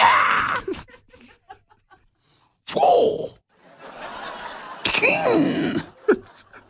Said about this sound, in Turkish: Karatede bağırmak çok önemli biliyorsun. Çok. Çok önemli. Vuh! Vuh! Diye bağırıyorsun.